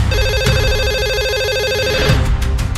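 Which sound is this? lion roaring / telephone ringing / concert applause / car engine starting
telephone ringing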